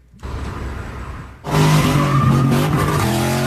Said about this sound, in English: Daring, dangerous stunts. Drivers doing donuts so fast, a woman is literally thrown from the car.